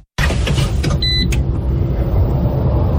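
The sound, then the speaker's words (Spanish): A new Citroën hybrid SUV's engine runs with a steady, loud, low rumbling hum throughout, briefly overlaid by a short electronic chime early on, with no one speaking. “Llegó la nueva SUV híbrida de Citroën a Comagro Chía.”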